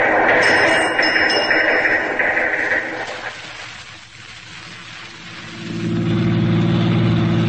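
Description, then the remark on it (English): A car engine drones steadily while driving, dips briefly, then revs up again with a rising, throaty roar near the end. No one speaks. “Now look, we drop this car a couple of miles from the camp.”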